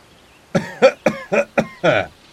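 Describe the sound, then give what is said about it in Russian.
A man coughs somewhere near the ruins of a house, a rapid run of about six harsh, chesty coughs in quick succession, fairly loud, with no other sounds around them. “Кашлял человек, их незримый сосед, который находился где-то неподалеку от развалин дома.”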